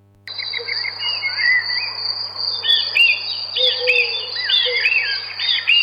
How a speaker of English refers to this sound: Well, looks like summer's here at last. Birds singing in the garden and Dad trying to light the barbecue.